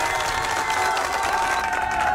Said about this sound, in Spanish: Un fuerte aplauso para ese cumpleañero y para la mamá que le deseo feliz cumpleaños.